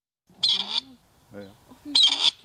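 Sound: grey partridge call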